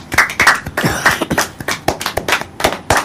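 A crowd applauds, a dense, uneven patter of many hands clapping for about three seconds at a fairly steady loudness, with no voices standing out.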